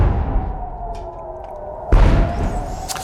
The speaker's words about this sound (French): De lourdes explosions, c'était il y a 50 minutes dans le ciel de Jérusalem, précédées d'une alerte.